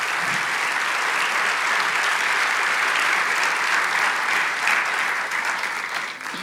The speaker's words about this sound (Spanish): Vamos, si crees que esto es para ti, dale un aplauso a Jesús en esta noche.